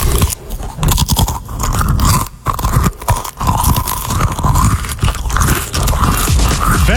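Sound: munching crunchy cheese crackers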